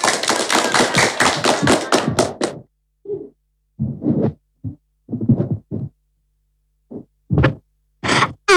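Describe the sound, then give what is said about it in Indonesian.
An audience claps together for a couple of seconds before a children's fable is told: dense, fast, fairly loud applause that stops abruptly, followed by a few scattered, separate knocks and short sounds in the quiet. “Selamat mendengarkan, tepuk tangan teman-teman.”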